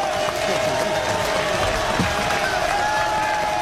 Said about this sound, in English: And the crowd comes to their feet for the first time. First batter of the game.